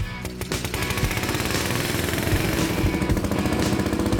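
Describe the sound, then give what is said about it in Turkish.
A Nash Super Tripper vintage tractor, sold around 1950 and now about 75 years old, runs in third gear, its rapid, loud chugging engine beat rattling on without pause for the whole stretch, deep and gritty with no voices over it. “1950 yılında Nash Super Tripper traktörün satış fiyatı 186 sterlindi.”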